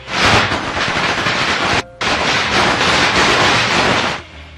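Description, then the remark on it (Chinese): A firecracker sound played by a shop clerk: a long string of firecrackers goes off in a loud, dense, continuous crackle of rapid pops, briefly cutting out near the middle before resuming and then stopping abruptly. “他给人家放那个鞭炮的声音”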